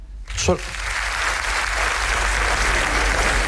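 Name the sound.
audience applause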